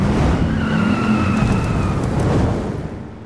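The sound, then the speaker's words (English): Loud car engines roar steadily with a deep rumble at the Wyoming Moose Lodge Dust-Off Car Show, joined by a brief high tire squeal, then fade slightly toward the end. No one speaks. “Be there when the engines roar.”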